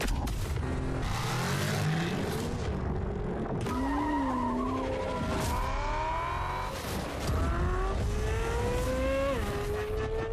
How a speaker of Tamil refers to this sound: இந்த jeep 4x4 கிராஸ்வில், so எந்த கரடு முரடு பாதையா இருந்தாலும் இந்த ஜீப்ப ஓட்ட முடியும்.